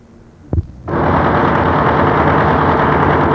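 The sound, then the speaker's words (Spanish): A brief click, then a dental drill whirs to life abruptly and keeps running as it drills a molar to remove decay, a loud, steady, dense buzzing motor sound that holds without pause to the end, with no voices. “¿Qué es eso, doctor? Es el taladro. Le voy a taladrar la muela para eliminar la caries.”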